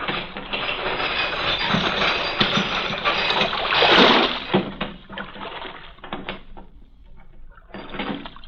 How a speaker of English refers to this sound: Chain that closes the mouth of the port at night is lowered.